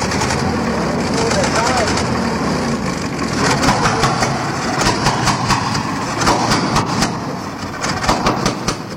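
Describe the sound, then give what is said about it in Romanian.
A car engine runs steadily with a dense, loud rumble and a rhythmic ticking that grows more pronounced toward the end, with faint, indistinct voices mixed in. “Auzi tu? Da. Ce este motorul unui autovehicul?”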